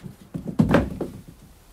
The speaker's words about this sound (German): Die Haustür stand offen und schlug im Wind.